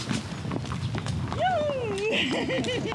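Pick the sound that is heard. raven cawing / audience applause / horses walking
horses walking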